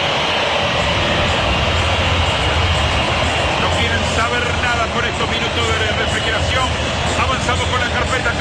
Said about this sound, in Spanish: El momento, escuchen, escuchen la silbatina del público.